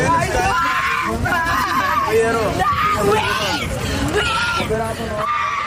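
A dense crowd of women screaming and shrieking at full volume on a beach, high-pitched cries overlapping continuously with loud babble, sustained throughout.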